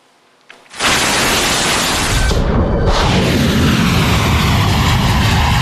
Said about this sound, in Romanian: Mai multe rapoarte arată că Rusia a trimis la Teheran avionul Apocalipsei, o aeronavă folosită pentru gestionarea crizelor majore, inclusiv cele nucleare.